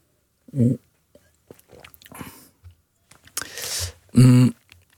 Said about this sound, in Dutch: Ik neem even een slok water.